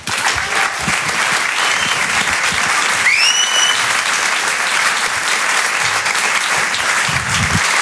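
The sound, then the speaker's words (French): At the Rire et Chanson Comedy Club, a crowd applauds a comedian steadily and loudly, the clapping dense and unbroken throughout, with a couple of rising whistles and scattered cheers piercing through around the middle. “Faites un maximum de bruit, s'il vous plaît”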